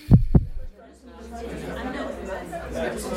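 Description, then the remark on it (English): A heartbeat sound effect opening the Salvation Army program Heartbeat: a single deep heartbeat thumps twice in quick lub-dub fashion, then fades as a low murmur of indistinct voices and background chatter rises and continues. “From the Salvation Army, welcome to Heartbeat.”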